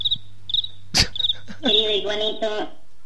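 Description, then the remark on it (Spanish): High, shrill cricket chirps come in quick repeated bursts, broken by a sharp click partway through, then a longer chirping stretch with a brief voice-like tone underneath. “Está el grillo, ya se asomó el iguanito”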